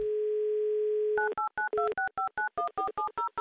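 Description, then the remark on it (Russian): A steady telephone dial tone hums for about a second, then gives way to a quick run of about a dozen short touch-tone dialing beeps at varying pitches, with no voices, as a radio show dials a contest winner's phone number. “И можно услышать гудки, которые, я надеюсь, к ней приведут.”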